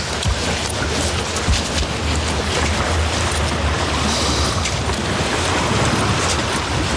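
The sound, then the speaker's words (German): A boat with its motor switched off drifting and gently rocking on a lake with green water on a fine afternoon, sailboats around, water lapping and washing against it in a steady, continuous hiss and a low rumble underneath, moderately loud and unbroken, with no voices. “Und wir stellen den Motor ein bisschen ab und schaukeln ein bisschen vor uns her.”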